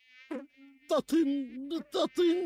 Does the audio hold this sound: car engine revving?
no